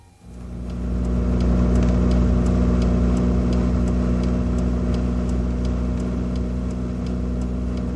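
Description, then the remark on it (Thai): A steady, loud motor-vehicle drone swells up within the first second and holds, a low rumbling engine hum with faint regular ticking on top, like cars moving along a road; traffic on the Chiang Mai–Lamphun road. “นี่คือถนนสายเชียงใหม่ลำพูน”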